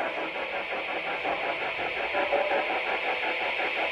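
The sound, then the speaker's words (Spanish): A building alarm rings steadily throughout, a dense, buzzing mid-to-high clatter with a fast, even pulse and no pauses. No one speaks over it. “Eso que se escucha de fondo es la alarma.”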